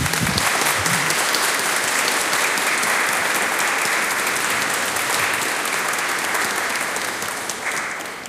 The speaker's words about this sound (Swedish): Och församlingen vill ge en stor varm applåd.